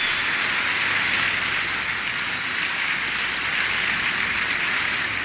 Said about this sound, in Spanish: Delfina Gómez Álvarez, tercer informe de gobierno, Estado de México. Brindamos un fuerte aplauso para todas, todos y todes.